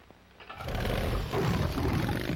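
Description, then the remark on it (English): A chopper motorcycle engine roars to life, jumping from a low idle to a loud, steady, deep rumbling roar that holds for about two seconds with no talking. “The only thing that sounds better than the engine is the radio.”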